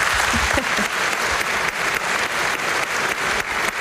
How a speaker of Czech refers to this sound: Ale tento týden za to CDčko dostal zlatou desku, tak mu ještě jednou zatleskejte.